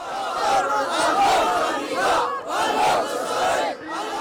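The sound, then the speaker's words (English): A large rally crowd of tens of thousands in Sana'a, Yemen, supporting the Ansarullah Houthis, chants in unison, loud, with rhythmic surging shouts repeating roughly every second or so, voices blending into a dense roar, as people raise weapons celebrating the group's advance along the Red Sea coast. “Crowds chanted and raised weapons, celebrating the group's advance along the country's Red Sea coast.”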